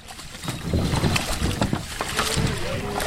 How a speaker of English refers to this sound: About 70 paddlers fumbled out of their kayaks and waded through the water and rocks at a boat ramp at Washington Crossing Historic Park as part of the week-long paddling event.